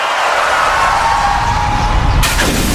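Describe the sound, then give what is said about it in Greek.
A loud, rumbling car noise with a whining, skidding tone builds steadily, then ends in an abrupt crash as the car's windshield shatters. “Ωχ, πάει το Μπαμπρίς. Ποιος τον ακούει τώρα? Γυναίκα, τι έπαθε το αμάξι?”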